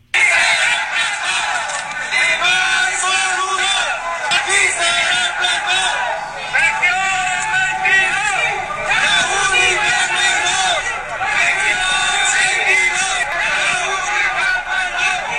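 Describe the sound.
A large crowd of protesters on 5 de Mayo street in Mexico City, blocked from reaching the Zócalo, shouts and chants together in a dense, continuous roar, with raised voices and whistle-like cries cutting through steadily for the whole stretch.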